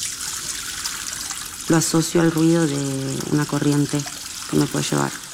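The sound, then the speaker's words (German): A tap opened only slightly runs in a steady, soft hiss throughout, even in level, while a person starts talking over the water partway through. “Ihrem Therapeuten erzählt sie einmal, sie öffne den Wasserhahn immer nur ganz wenig, wegen des Lärms.”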